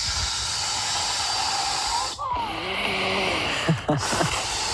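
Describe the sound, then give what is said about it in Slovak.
Air hisses steadily as a pool float is pumped up with a pump worked by the whole body, a loud continuous rush broken by a brief pause, with a few faint squeaky, gliding tones near the end. A listener sent it to a radio station as a sound of their summer. “To celým telom nafukuješ na fukovačku.”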